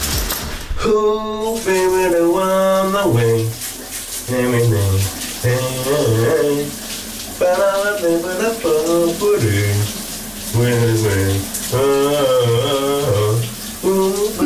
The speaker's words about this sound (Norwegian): men den er også sådan lidt stille sangen, som han i dag synger i bruseren.